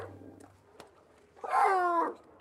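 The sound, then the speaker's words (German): A harbor seal pup gives a single loud, drawn-out wailing contact call to reach its mother, rising out of a quiet background and lasting just under a second. “Bei den Seehunden ist das der normale Kontaktlaut, den das Jungtier ausruft, um Kontakt zu der Mutter aufzunehmen.”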